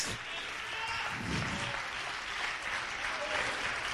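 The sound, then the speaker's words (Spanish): An audience applauds steadily as an offering of praise to God, a dense wash of many hands clapping at an even level throughout, with faint voices mixed beneath the clapping. “¿Cuántos alaban a Dios? Denle ofrenda de palmas.”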